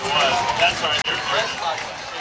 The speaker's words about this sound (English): We got the crowd stomping in these bleachers. It feels like an earthquake, and the Richter scale is nowhere to be found. This place has gone from very quiet to extremely loud in the last couple of plays,